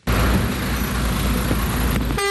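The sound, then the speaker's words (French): A dense, steady roar of car engines and traffic crowds the forecourt of the Petro-Gabon fuel station in Ovendo, Libreville, Gabon, mobbed by motorists just after a tanker truck arrived with diesel; a car horn blares briefly near the end. No one speaks. “Le camion-citerne vient à peine d'arriver que la station-service de Petro-Gabon à Ovendo est prise d'assaut.”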